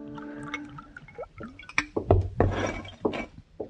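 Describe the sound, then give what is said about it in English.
A drink is poured from a bottle into a glass at a bar, with glugging splashes and a few clinks of glass, fairly quiet over a faint background hum. “Later, I went to the bar and ordered a bottle and a glass.”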